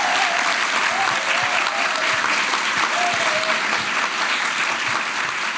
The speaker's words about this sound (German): Ganz genau, der Applaus ist für Sie. Bravo und danke fürs Kommen.